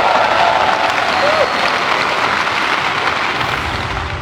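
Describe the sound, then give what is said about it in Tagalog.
Sustained applause from a large crowd at the Philippine President's State of the Nation Address, given as the President reaffirms that the Philippines will not back down in defending its sovereignty and the 2016 Arbitral Award; a dense, steady wash of many hands clapping that holds loud throughout and eases slightly toward the end, with no voices standing out. “Umano din ang palakpak sa sona ng Pangulo ang muling paninindigan nito na hindi uurong ang Pilipinas sa pagtatanggol sa soberenya at sa 2016 Arbitral Award kasabay ng panawagang mapanatili ang kapayapaan sa rehiyon.”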